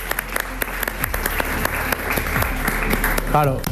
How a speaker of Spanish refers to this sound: Venga, vale. Un aplauso.